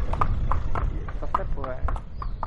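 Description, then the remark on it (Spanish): Horse hooves clip-clop in a steady, even rhythm at a walking pace on a horseback route, sharp hollow knocks over a low rumbling background, with a brief voice murmuring partway through. “Y esto de las rutas a caballo tiene mucho de eso, que el trayecto también es parte del viaje, incluso la parte más bonita.”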